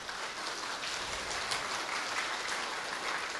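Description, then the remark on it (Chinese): Steady applause from a crowd in Tucheng honoring their teacher, a dense continuous patter of many hands clapping at an even level throughout, with no voices or other sounds breaking through. “所以借助于今日能够在我们土城来弘扬师父妙法的时间，大家表示对师父的尊敬与感恩，所以借助大家，请大家我们一起来为师父为我师父的伟大，我们给予掌声，而且他们每一位。”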